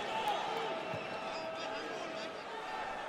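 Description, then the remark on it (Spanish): The New York crowd at a soccer match against Tigres applauds and cheers Tavon Gray after he wins the ball from Herrera, in a steady, dense wash of noise that stays loud throughout, with sneaker squeaks and an occasional ball bounce beneath it. “Vaya aplauso que se lleva de la porra neoyorquina.”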